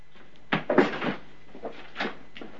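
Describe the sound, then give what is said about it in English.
A back door swings open with a cluster of creaks and knocks as someone runs out, then shuts with softer thuds and clatters a moment later, with no voices. “runs out the back door to a waiting Pompey, still sitting in his carriage.”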